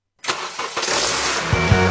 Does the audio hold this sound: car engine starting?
yes